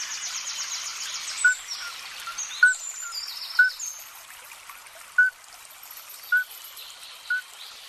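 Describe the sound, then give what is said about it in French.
A male midwife toad, a small amphibian about 5 cm long, gives its mating call while competing with other males: short, clear flute-like peeps repeated about once a second, seven in all, over a steady trickling background hiss, with no voices. “Si vous entendez ce petit chant lors d'une douce soirée printanière autour de chez vous, cela ne vient pas d'un quelconque oiseau ou encore moins d'un insecte.”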